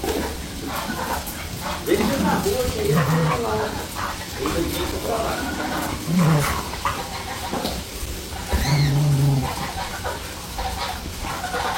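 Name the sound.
dogs barking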